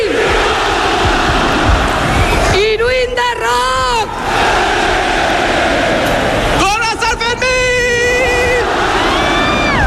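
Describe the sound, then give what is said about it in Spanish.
A dense crowd in Pamplona roars and cheers continuously at noon as the fuse of the rocket opening the San Fermín festival is lit, with two loud bursts of shouting voices rising above the din, one near the start and another toward the end, at full volume. “han prendido a las 12 del mediodía la mecha del cohete con el que han dado comienzo los Sanfermines.”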